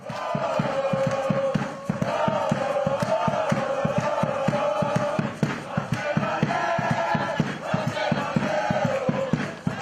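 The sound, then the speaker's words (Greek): Enthusiastic football fans of Asteras Aktor chant loudly in unison at the team's first training session of the new season at the Theodoros Kolokotronis stadium, their voices carried over a steady, fast drumbeat that pounds without pause for the whole stretch. “Δυναμικό παρόν στην πρώτη προπόνηση έδωσε και ο κόσμος των Αρκάδων, ο οποίος βρέθηκε στο γήπεδο ενθουσιασμένος για την σεζόν που έρχεται”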